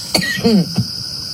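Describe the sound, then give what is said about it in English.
A few short coughs in quick succession, with a brief throaty, voiced rasp between them, against a quiet background with no talking. “We just heard the audio. You guys are just coughing.”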